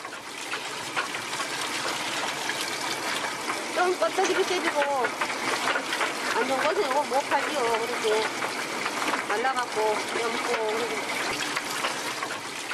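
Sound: water running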